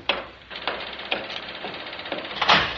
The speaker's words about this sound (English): Sorry to keep knocking, but I knew you were here.